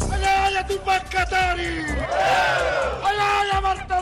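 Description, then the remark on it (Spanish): A large crowd of protesters shouts and chants together in a loud, continuous roar, with overlapping voices rising and falling in unison and occasional sharp bursts of noise, at demonstrations in Bolivia against the government of President Rodrigo Paz, amid firecrackers and tear gas. “Gritos, petardos y mucho gas lacrimógeno. Así fueron las manifestaciones en Bolivia contra el gobierno del presidente Rodrigo Paz.”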